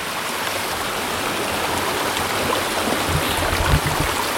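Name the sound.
flowing brook water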